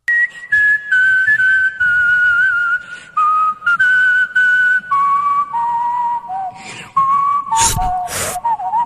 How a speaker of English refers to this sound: Whoa. I mean, I think this is an extremely hard song to do whistling.